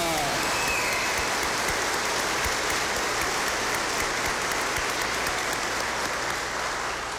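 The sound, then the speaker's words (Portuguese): An audience claps in a strong, sustained round of applause saluting Our Lady of Fátima, lasting the whole stretch, a dense even patter with no voices standing out above it. “Saudamos a mãe de Fátima com viva, uma forte salva de palmas.”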